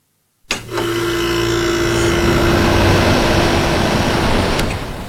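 After a brief silence, an air conditioner, sent from a speaker over the radio, starts up and runs with a steady, loud whooshing roar and a low electrical hum underneath, holding constant for several seconds with no voices.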